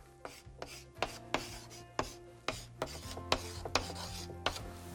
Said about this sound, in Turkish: Pembe kalemimle buraya yazıyorum.